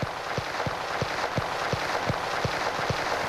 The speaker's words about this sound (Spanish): Vamos a darle un aplauso de bienvenida al mes de mayo.